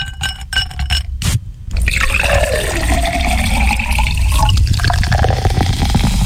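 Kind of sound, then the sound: food or drink, pouring a drink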